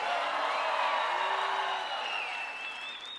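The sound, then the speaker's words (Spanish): An audience shouts and cheers together in a dense, continuous roar during a sermon, as the preacher asks for a better shout, with a few high whoops and cries rising above the din. It stays loud throughout, easing slightly toward the end. “No, si yo fuera tú, yo diera un mejor grito.”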